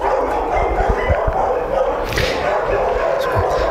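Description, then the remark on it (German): A small dog named Teddy barks and yips excitedly in quick, repeated bursts, greeting its owner, with a steady background of noise and what may be voices mixed in. “Doch, der bellt leider sehr viel.”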